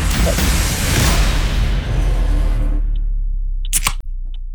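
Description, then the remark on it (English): A second drink can being opened: a loud, sustained fizzing hiss that fades out after a few seconds, followed by a couple of sharp metallic clicks. No one speaks. “Anyway, here's can number two,”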